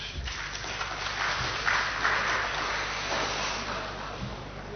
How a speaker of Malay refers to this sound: Alhamdulillah tanpa terasa kita sekarang berada pada pelaksanaan rapat paripurna DPRD Provinsi Gorontalo yang ke-100 kali. Alhamdulillah umur panjang dan bisa mengikuti. Tepuk tangan dulu.